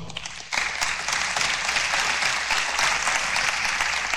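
Audience applause welcoming two guests invited to the front starts abruptly and holds steady as a dense, continuous wash of many hands clapping, fairly loud throughout with no voices over it.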